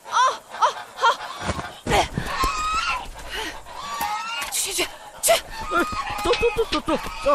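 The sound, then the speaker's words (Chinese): Geese and goslings honk loudly and repeatedly in a noisy, chaotic scramble, with harsh bursts and scuffling as they are driven off with a bamboo pole in the early morning, and people shouting over the commotion. “喂，哎，走开，走开了，走开走开，快点把大鹅扔出去了，别死抱着了。”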